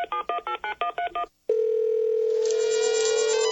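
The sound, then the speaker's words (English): Six quick touch-tone beeps dial a phone number to page someone, then after a short pause a steady, loud tone sent back by the paging terminal, meaning it is ready for the message, hums continuously to the end. No one speaks. “To see how beepers work, let's page someone. First, we make a phone call.”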